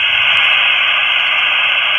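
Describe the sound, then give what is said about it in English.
Steady, loud hiss of open static from a VHF radio with no signal and the squelch removed, a continuous band of noise close to white noise, unbroken for the whole stretch with no voices. “that's just taking a VHF radio with no signal, removing the squelch, and that's basically, that's almost white noise”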